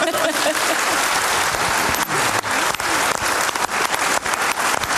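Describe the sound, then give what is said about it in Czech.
Steady audience applause fills the whole stretch, a dense crackle of many hands clapping at once, loud, with no voices on top. “Takhle vypadá mladý šarm, zatleskejte.”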